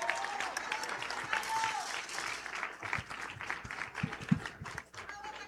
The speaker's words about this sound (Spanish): Y que bueno, pues en estos momentos invitamos a hacer uso de la voz a quien es el titular de la Secretaría del Campo, el médico Gerardo Luis Cervantes Miramontes. Fuerte el aplauso, bienvenido.